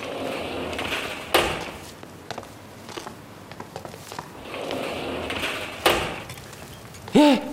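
A door is opened with heavy clunks and rattling, two sharp knocks of the latch a few seconds apart amid scraping and shuffling, followed by a brief voice at the end.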